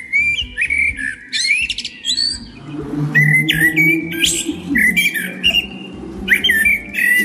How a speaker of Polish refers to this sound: Jeżeli chodzi o konkrety, najbardziej podobał się śpiew kosa.